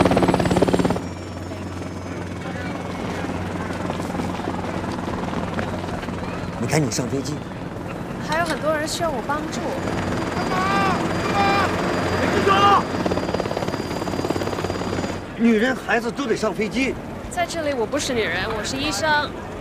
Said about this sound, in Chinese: 另外，当地政府已经向我国正式请求军事援助，直升机马上就到，我们等你回家。